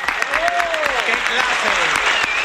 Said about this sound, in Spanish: Oye, un aplauso por el esfuerzo, ¿no, señor?